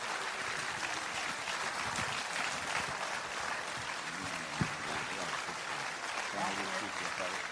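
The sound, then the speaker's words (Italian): Sustained audience applause for the mayor of Rome at the Festa dell'Unità in Rome, a dense steady wash of clapping at an even loudness for several seconds, with faint voices and a brief sharp knock partway through. “Io farei un grande applauso al sindaco di Roma per l'impegno che ha messo.”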